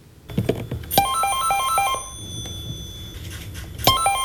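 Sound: landline telephone ringing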